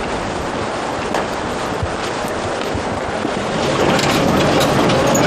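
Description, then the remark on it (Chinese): A home-assembled range-extended solar electric tracked vehicle built for glacier work rumbles along steadily with a dense, noisy drone and faint rattling clatter, growing slightly louder toward the end. No one speaks. “在这里他自己组装了适合冰川工作的增程式太阳能电动车履带车。”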